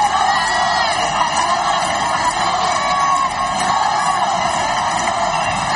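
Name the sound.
crowd cheering and shouting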